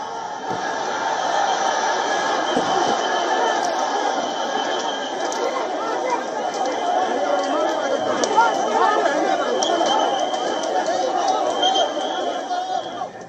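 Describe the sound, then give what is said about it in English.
A dense crowd of protesting demonstrators packs a protest site in Delhi, where police and paramilitary forces block their march. Steady, overlapping chatter and shouts form a continuous loud roar of many voices with occasional higher cries, lasting throughout. “The protest side remains packed with demonstrators as hundreds of Delhi police personnel and paramilitary forces were deployed to prevent the march from advancing any further.”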